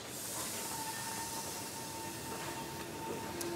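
A special excursion train, the Rhönzügle, rumbles steadily along the rails, with a broad hissing noise and a faint sustained tone running through it; no one speaks.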